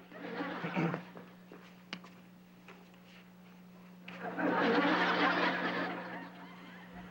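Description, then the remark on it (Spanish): A ridden horse neighs twice: a short whinny at the start, then a longer, louder, shaky neigh after a pause, over a steady low electrical hum. “Estoy montado en mi caballo.”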